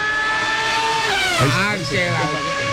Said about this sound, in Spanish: Que se escuche ese ruido. Yo pensé que eran los motores de allá de los talleres del Moliche, que los habían traído por el malecón. Escucho un ruido allá. Y son los carros de Montoya.